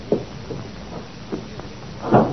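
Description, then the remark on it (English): A door shuts with a single muffled thud near the end, after a few faint knocks over a low, steady background hiss. No one speaks. “Would you mind the door?”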